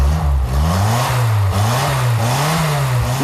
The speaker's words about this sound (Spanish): este Sinca funciona de maravilla, ¿eh? Lleva un motor Barreiros.